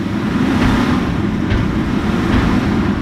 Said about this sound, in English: Boone County Landfill and Recycling, garbage trucks line up in front of the scale house to be weighed. The landfill takes in waste across several county lines in central Iowa.